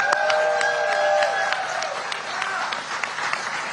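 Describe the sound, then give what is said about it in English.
A crowd gives a round of applause for a campaign team standing behind the speaker, dense steady clapping that holds at an even loudness for several seconds, with a sustained high cheer ringing over the first half. “I want to thank my team back here, and this is some of them here. Round of applause.”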